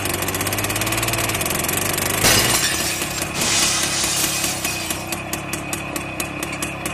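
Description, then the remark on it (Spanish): A heavy tractor engine drones steadily, then a loud crash of breaking glass bursts out as the driverless tractor smashes through a shoe shop's window, followed by another smash and scattered tinkling shards as the motor keeps running underneath. “Vea cómo la máquina se aferra a irrumpir en la tienda y rompe el vidrio como si fuera una galleta de sal.”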